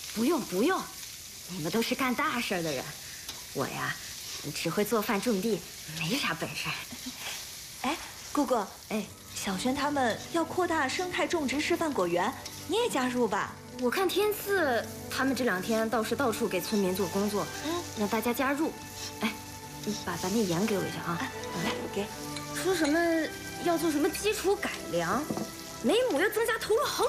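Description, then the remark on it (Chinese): Garlic scapes with cured pork sizzle and crackle steadily in a hot wok as they are stir-fried, the frying sound running continuously beneath several people talking. “你再炒一个蒜苔腊肉吧。”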